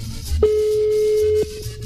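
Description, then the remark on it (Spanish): A single steady electronic phone tone, a ringback beep lasting about a second, from a call transferred to Movistar, sounds at moderate loudness over a low background hum and noise, with no talking. “¡Contesta el teléfono!”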